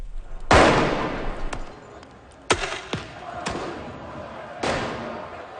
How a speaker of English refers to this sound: People en masse launched fireworks at officers who shot back with tear gas canisters.